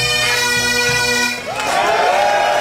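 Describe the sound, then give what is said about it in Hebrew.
A loud, continuous crowd of Scotland football fans, the Tartan Army, celebrating in the streets of Boston after Scotland's World Cup win over Haiti: dense cheering and shouting over a steady droning tone, with rising whoops breaking through in the second half. “כך נשמעים רחובות בוסטון במהלך השבוע האחרון. צבא הטרטן, קהל האוהדים של נבחרת סקוטלנד הקרוי כך כשם דגם החצאיות הסקוטיות המסורתיות, חוגג את הניצחון שלה על נבחרת האיטי במשחק גביע העולם בשבת שעברה, כבר 5 ימים ברציפות.”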